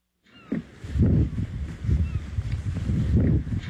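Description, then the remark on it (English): Steady gusts of wind rumble across an open harbor dock in Kodiak on a windy day, where boats are moored, with a few faint, high-pitched calls drifting in and out over the blustery roar. “It's a windy Tuesday down at the dock in Kodiak,”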